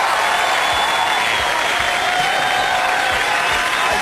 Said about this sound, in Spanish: Me encantó, aplauso. A ver, lluvia de aplausos. Siguen los aplausos.